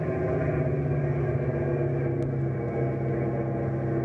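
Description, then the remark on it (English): A propeller plane engine drones loudly and steadily as the pitch of the prop blades is changed to slow it to a crawl over treetops on forest patrol, its low, buzzing harmonic hum easing slightly, with one brief sharp click partway through and no voices. “I'll change the pitch of the prop blades. We'll crawl right over the treetops.”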